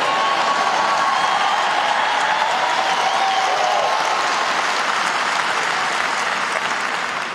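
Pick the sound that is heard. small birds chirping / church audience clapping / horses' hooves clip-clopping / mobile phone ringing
church audience clapping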